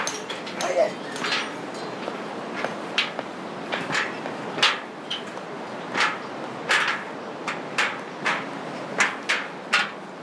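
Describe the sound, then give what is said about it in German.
In front of the Hillary Bridge, workers hammer and shape stones to reinforce the path: a steady run of sharp, bright clinks and clacks of metal on rock, struck at an uneven pace about twice a second, each blow crisp and moderately loud. “Vor der Brücke klopfen Arbeiter Steine zurecht.”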